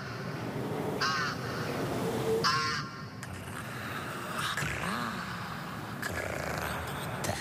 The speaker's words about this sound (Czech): vidíš ty havrany?